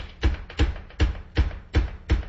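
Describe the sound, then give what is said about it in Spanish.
Six firm, evenly spaced knocks on a door, each a solid thud with a sharp edge, repeating in a steady insistent rhythm, loud with no voices. “Ah, están tocando. Déjeme abrir la puerta porque miren cómo toca esta persona.”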